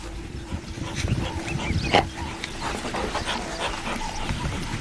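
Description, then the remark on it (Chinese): African wild dogs whimper and pant in a restless, uneven stream of soft cries and breathy gasps beside a safari tour vehicle under which two spotted hyenas are hiding, over a constant low rumble of background noise. “非洲野犬安静下来，却没有离开。”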